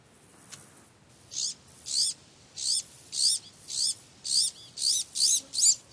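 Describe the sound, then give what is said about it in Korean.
An Iberian magpie calls over and over in a steady rhythm, about ten short, high, scratchy chirps in quick succession, clear above a quiet outdoor background in evergreen oak woodland of the southwestern Iberian Peninsula, with no talking. “이베리아 반도 남서부의 상록 참나무는 새끼들을 키우기도 좋은 환경이라 이 우아한 새가 선호하는 보금자리죠.”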